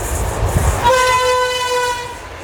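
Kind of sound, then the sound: vehicle, train horn honking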